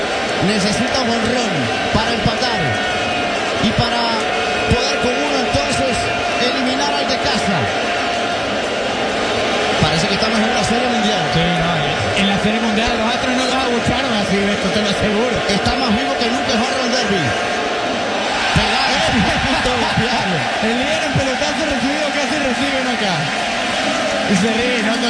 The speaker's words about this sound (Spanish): Sonríe Contreras, sale del rectángulo de bateo, el público sigue abucheando.